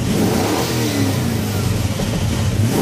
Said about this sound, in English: Sounds like a car. Okay, that's not the real sound. They haven't released what the real sound is yet.